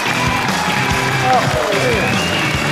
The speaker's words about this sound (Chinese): 那他到底有多么的喜欢相声呢？我们请着他一块来聊一聊。有请著名影视演员侯京健，掌声有请。